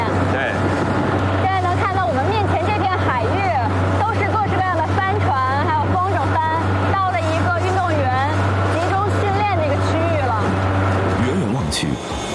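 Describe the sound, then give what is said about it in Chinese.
A coach motorboat's engine drones steadily and loudly throughout as it runs across the sea to a kitesurfing training area, a constant low hum that cuts off near the end, with voices talking over it. “教练艇行驶了几分钟就到了训练水域”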